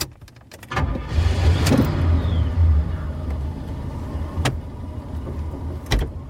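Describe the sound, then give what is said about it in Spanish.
A car engine rumbles steadily as the vehicle drives along, its low drone broken by a few sharp clicks and thumps. No one speaks. “¿Vas en tu coche? No hay problema.”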